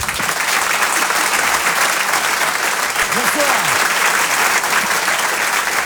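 audience applause

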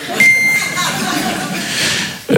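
answering machine beep

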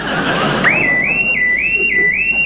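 burglar alarm going off

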